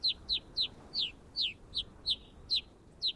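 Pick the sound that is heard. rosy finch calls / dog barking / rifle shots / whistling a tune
rosy finch calls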